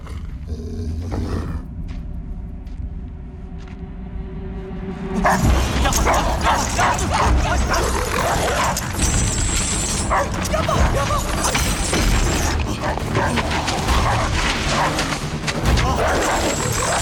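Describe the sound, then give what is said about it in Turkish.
A dog barks and yips loudly and rapidly, starting after a quieter opening and continuing in a frantic, overlapping burst with some growl-like tones and a voice underneath. “Yapma cici köpek, pusu köpek yapma.”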